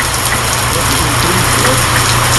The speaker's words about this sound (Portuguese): Olha o som da chuva aí, ó. Na Engazeira.